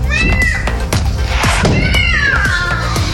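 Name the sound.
cat meowing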